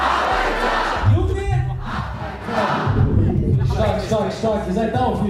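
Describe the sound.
A large concert crowd in Munich roars and shouts together, partying in a loud, sustained wall of voices, with chant-like swells rising and falling over a low rumbling beat throughout.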